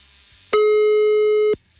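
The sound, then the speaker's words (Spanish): A single steady, mid-pitched telephone ringback tone of an outgoing call placed live on a radio show sounds for about one second, starting and stopping abruptly, over a quiet background with no one talking. “Ahí está sonando, cállense.”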